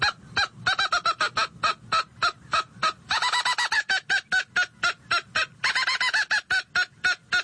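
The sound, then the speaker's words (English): A mouth-operated game call imitates an angry squirrel's mad bark: a rapid, steady string of sharp, raspy, nasal barks, loud, broken by a couple of quicker chattering bursts. “That last series was more of a mad bark that a squirrel will do.”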